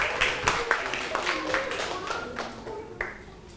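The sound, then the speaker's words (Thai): A handful of students in a Thai language class clap for a classmate who answered a question correctly, in scattered, uneven bursts, sharp hand claps rising and fading over a few seconds, with voices murmuring underneath. “ถูกต้องนะครับปรบมือให้เพื่อน”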